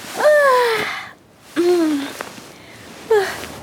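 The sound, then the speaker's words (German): Conny gives a big, drawn-out yawn as she wakes early in the morning, fairly loud, made of three breathy voiced bursts that slide downward in pitch, with short pauses between them. “Früh am Morgen wacht Conny mit einem großen Gähnen auf.”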